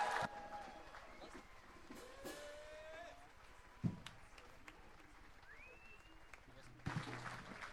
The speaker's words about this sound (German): Ich möchte gerne mal um einen herzlichen Applaus für unsere Stadtführerin, die Theresa, bitten. Die hat uns da sehr sicher durch diese Straßen geführt. Danke vielmals, Theresa.